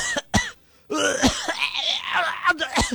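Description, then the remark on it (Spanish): A person vocally imitates a coworker's heavy, hacking cough: two sharp bursts, a brief pause, then a long, raspy, throaty stretch of harsh coughing and retching sounds, loud. “Esa tos que dices tú, esa es la clásica, ¿no traes tos de perro?”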